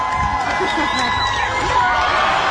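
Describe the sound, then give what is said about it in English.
A crowd at Barton Springs Pool cheers loudly and continuously as a little boy leaps off the diving board into the deep end, with many overlapping shouts and whoops, including children's voices, forming a dense, steady roar that holds for the whole moment. “With his dad encouraging him and waiting in the water below, the boy finally takes the leap, sending the crowd into a huge celebration.”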